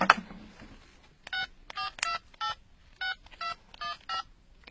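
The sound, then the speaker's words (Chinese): A rapid series of about eight beeping keypad tones as a phone number is dialed to call the Quanjing (全景) travel company, each short and evenly spaced, clear, with no talking. “要不我现在就给全景旅游公司打个电话问问看，怎么样？”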